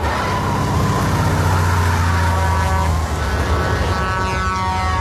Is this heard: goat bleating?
no